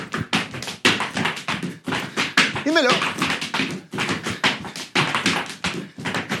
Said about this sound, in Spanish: Es el zapateo clásico.